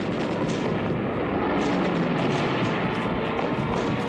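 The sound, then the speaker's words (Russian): A dense, steady roar of the engines of six warplanes approaching the positions to attack, loud, with a deep rumbling undertone and no pauses or voices. “На позиции заходят 6 самолетов.”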